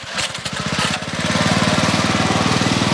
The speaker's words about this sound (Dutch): trekt Aang de motor van zijn bamboevlot aan om mensen over te steken over het Karian-reservoir